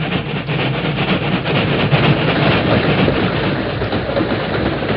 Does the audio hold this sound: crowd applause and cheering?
no